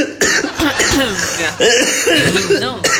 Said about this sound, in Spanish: Sí, estamos iguales. Un poquito de tos.